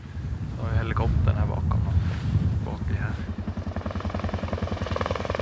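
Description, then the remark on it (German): A helicopter's rotor thumps in a steady, rapid rhythm with a low droning engine, somewhat distant, while voices are briefly heard at the start before the chopping continues on its own. The helicopter was rented by Sami herders and is locating reindeer from the air during a herd roundup. “Und da hinten ist der Hubschrauber.”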